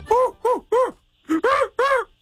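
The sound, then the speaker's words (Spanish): A man's voice imitates an orangutan with six loud, hooting groans, delivered in two quick sets of three with a short pause between them. “Ahí está el orangután.”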